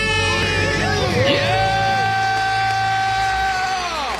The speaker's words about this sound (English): Count it down. Let's hear a debt-free scream. Three, two, one. We're debt-free!